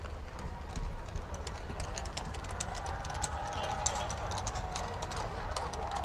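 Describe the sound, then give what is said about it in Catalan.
Steady clip-clop of the Spanish Royal Guard's horses' hooves on pavement as the mounted guard leaves, a brisk rhythmic clatter of sharp taps over a dense, continuous murmur and singing of a crowd bidding them farewell outside the Royal Palace, at the foot of the Almudena Cathedral, during the Pope's visit to Spain. “En tot cas, ara sí que sentim a molta gent acomiadant la Guàrdia Real a cavall, que abandona, i els càntics de la gent.”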